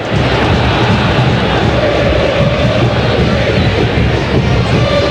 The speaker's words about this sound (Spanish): Escuche lo que gritan los de San Lorenzo, escuche.